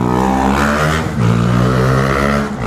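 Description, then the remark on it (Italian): A loud, steady engine drone with a rough humming tone that shifts slightly midway, heavy street traffic rumbling past in the middle of town traffic. No one speaks. “Qua siamo in pieno traffico, a proposito di trambusto.”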